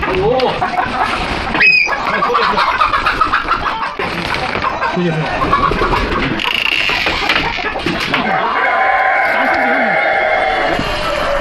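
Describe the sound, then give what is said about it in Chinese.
A flock of silkie chickens clucks and chatters in a coop, a steady, loud jumble of overlapping calls, with people's voices talking over the birds throughout. “野狗、黄鼠狼、毒蛇是乌骨鸡的天敌，时不时就会闯进鸡舍。”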